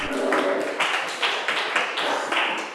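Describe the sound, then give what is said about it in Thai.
A class of children applauds their classmates in group one at the teacher's prompting, a dense, steady patter of many hands clapping at once, swelling in a few rhythmic surges over almost three seconds with no voices on top. “เก่งมากกลุ่มหนึ่งปรบมือให้เพื่อนค่ะ”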